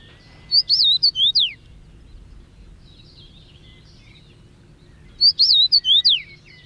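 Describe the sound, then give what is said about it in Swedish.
A fairly large, sturdy finch sings a short whistled phrase with sliding notes, likened to 'please to meet you', then repeats it after a few seconds of quiet; the bright, clear song stands alone over faint background hum. “Ja, precis, så är det den där Please to meet you sången som är lätt att lära sig.”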